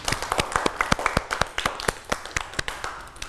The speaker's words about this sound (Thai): วันนี้เด็กๆเก่งมากค่ะปรบมือให้ตัวเองด้วยค่ะ